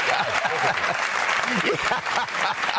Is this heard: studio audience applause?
yes